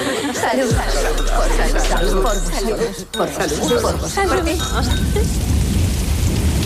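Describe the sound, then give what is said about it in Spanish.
Steady rain hisses throughout, with a deep rumble of thunder rolling low early on. Murmuring voices blend into the dense, continuous wash of the storm. “Y a la intemperie, bajo la tormenta, cuerpos y estructuras.”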